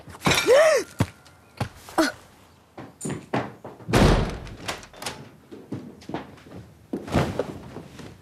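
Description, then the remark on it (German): A door slams shut with a loud bang, surrounded by several other heavy thuds and knocks, plus a brief creaking groan near the start. No one speaks. “Mach sofort die Tür auf!”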